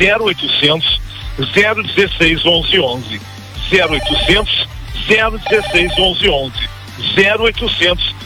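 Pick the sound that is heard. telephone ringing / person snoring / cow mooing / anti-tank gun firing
telephone ringing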